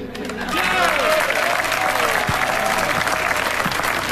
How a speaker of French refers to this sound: Applaudissements